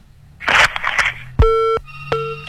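A burst of harsh, crackly line noise gives way to a telephone busy tone as a caller's line to the radio show Ruang Rindu drops: loud, buzzy beeps pulsing on and off in a steady cadence.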